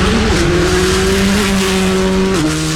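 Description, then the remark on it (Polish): A rally car engine roars loudly and steadily during a rally stage watched by fans, its pitch holding high, then dropping sharply near the end as if shifting gear. No one speaks. “Zapach benzyny, ryk silnika, prędkość.”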